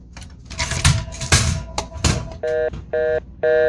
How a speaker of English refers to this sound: am I receiving a phone call?